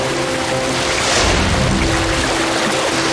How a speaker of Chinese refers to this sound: 浪花这么大，可不能浪费了。我们一起来冲浪吧，怎么样？